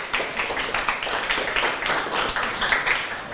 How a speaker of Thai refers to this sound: ปรบมือให้ตัวแทนของกลุ่ม1หน่อยครับ